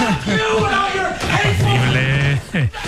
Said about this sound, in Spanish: Y ese ruido de un mueble contra la pared.